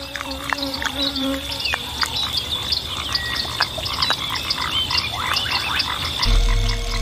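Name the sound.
bullfrog croaking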